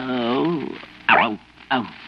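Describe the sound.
A man's voice makes a drawn-out vocal sound, then two short, loud, rough growls in quick succession, imitating an animal's growl.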